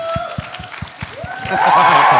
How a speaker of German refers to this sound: Applaus für